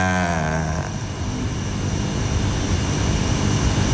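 A steady, loud drone motor with a whirring, buzzing tone that briefly falls in pitch, then settles into a continuous roar like a craft passing overhead. No voices.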